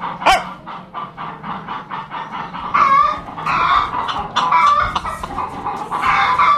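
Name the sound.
rooster clucking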